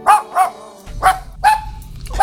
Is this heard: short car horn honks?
no